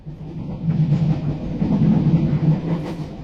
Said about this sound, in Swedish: Ombord på tåget från Göteborg till Stockholm så står jag i kön